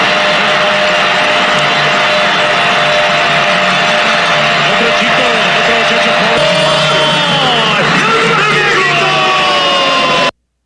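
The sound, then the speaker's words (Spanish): Football fans shout and cheer during a match in a loud, unbroken roar, with rising and falling yells and whoops cutting through the din before it stops abruptly. “Los gritos, los nervios no pudieron faltar.”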